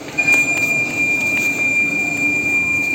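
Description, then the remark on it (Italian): A subway train rumbles steadily along the rails, with a thin sustained metallic squeal above the low roar and occasional faint clicks, fairly loud throughout, no voices. “Ok, prendiamo la prima metropolitana.”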